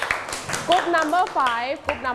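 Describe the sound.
A class claps hands for a student in a quick, scattered patter that fades after a moment, while several high voices call out and chatter over the clapping.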